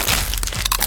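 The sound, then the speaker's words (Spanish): A Crunch brand tortilla chip, a Costa Rican product made by Instamasa, crunches loudly, a quick run of sharp, brittle cracks over about a second, with no voices. “La tortilla chip más crujiente.”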